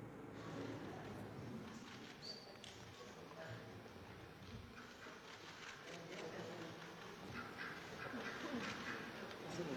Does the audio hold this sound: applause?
no